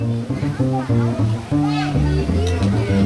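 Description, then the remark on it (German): A few children playing and shrieking by a pond in Lienen during a band's soundcheck for an outdoor concert, their high-pitched voices calling out in a continuous, lively stream with sharp squeals rising over the chatter, fairly loud. “Ein paar Kinder spielen am Teich und kreischen.”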